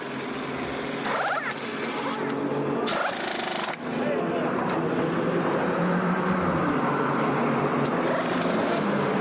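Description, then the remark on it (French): Race car engines roar steadily and loudly as two ANS team cars come into the pits at the same time, with harsh rattling mechanical bursts near the start and a faint murmur of voices underneath. “Ah oui, il y a les deux voitures qui sont rentrées en même temps.”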